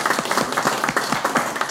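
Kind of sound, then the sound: crowd, audience applause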